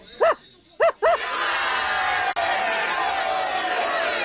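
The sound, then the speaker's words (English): A small dog, Toto, gives three sharp, high-pitched yaps, the last two in quick succession, before a loud, steady wash of crowd noise takes over. “And for the great lion, and for the little dog Toto, too, we Winkies present these golden collars as a reminder of your stay among us.”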